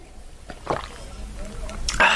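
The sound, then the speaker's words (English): Someone drinks milk: a short wet sip early on, soft liquid sloshing through the middle, then a louder swishing gulp at the end, with no talking. “Okay, hang on a second, I'm just going to drink some milk.”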